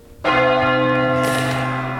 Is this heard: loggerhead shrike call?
no